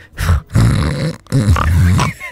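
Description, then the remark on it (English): A voice imitates the loud snoring of a husband who has been a bit ill: three rough, rumbling snorts in a row, each a low throaty rasp separated by short breaths. “Hubby's been up the back room the last two nights because he's been a bit crook, right? And snoring.”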